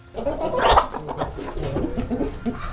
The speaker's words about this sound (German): Okay, Henne Nummer 2.